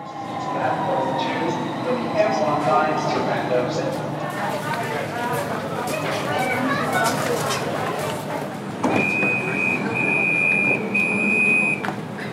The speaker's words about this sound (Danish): Og metroen er da også fyldt med rullekufferter og folk med shorts og solbriller på den her solrige torsdag eftermiddag.